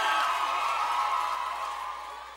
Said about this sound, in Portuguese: Uma salva de palmas